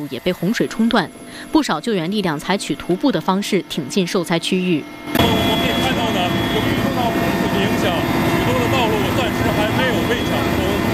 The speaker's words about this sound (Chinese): 满载救援物资的直升机起飞后，迅速向镇龙乡受灾区域机动。